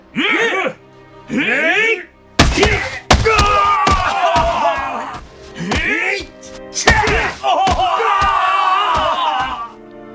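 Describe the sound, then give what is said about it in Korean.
Guards strike sailors' buttocks with long, flat wooden paddles in Jeju: the blows land one after another at an uneven pace, each a hard flat crack, while the men cry out and scream in loud, strained voices between and over the blows. “형졸들은 납작하고 기다란 막대기로 선원들의 엉덩이를 내리치기 시작했다.”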